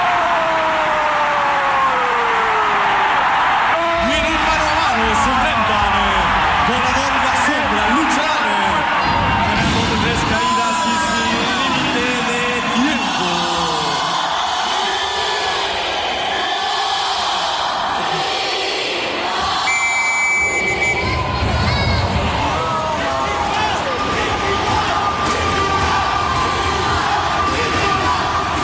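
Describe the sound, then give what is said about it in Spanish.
A large crowd of Puebla baseball fans cheers and shouts continuously at night, a loud, dense roar of many voices with whoops and rising yells swelling throughout, no single voice standing out. “¿Y cómo está la barra de Puebla esa noche?”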